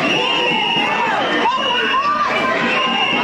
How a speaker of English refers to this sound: Frustrated community members storming the auditorium. Mayor Karen Bass booed when she took the stage.